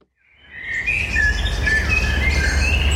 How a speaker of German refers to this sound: Amseln, Buchfinken und Rabenkrähe dürfen fleissig gesungen haben, wo sich in der Abenddämmerung vom 15. Mai 2021 eine alte Hirschkuh in der Nähe von Thrun auf den Weg gemacht hat.